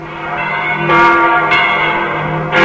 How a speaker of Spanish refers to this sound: Al escribir sus pensamientos en el diario devocional que llegó a ser un clásico, Donne apremiaba a sus lectores así: nunca envíes a averiguar por quién doblan las campanas. Doblan por ti.